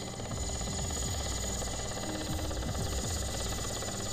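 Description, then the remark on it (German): A large Mi-8 helicopter's engine and rotor drone steadily and loudly in Kamchatka, the helicopter hired for aerial filming of volcanoes. The sound is a continuous rumbling whir with a rhythmic chop underneath, and no voices. “Ich habe einen Mi-8-Helikopter herbestellt für Luftaufnahmen der Vulkane.”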